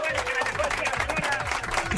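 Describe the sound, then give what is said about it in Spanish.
A crowd applauds steadily, many hands clapping in a dense, continuous patter at moderate loudness, with voices cheering and calling out over it; the applause is for a grandmother who has just been pranked. “Aplausos a la abuela por bromeada, por favor, de toda la gente. ¡Aplausos!”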